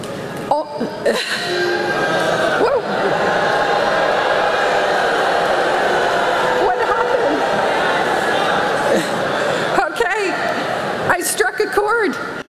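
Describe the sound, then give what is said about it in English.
A large crowd of college graduates at a commencement in Florida boos their speaker loudly and steadily for about twelve seconds after she calls artificial intelligence the next industrial revolution, a dense wall of voices that barely dips, with a few sharp shouts cutting through near the end. “College grads in Florida clobbering their commencement speaker with boos after she said this.”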